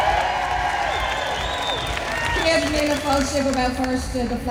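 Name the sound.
crowd cheering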